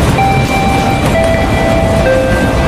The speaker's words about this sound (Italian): Allontanarsi dai binari. Il treno per il Buonasera con Emmanuel è in partenza.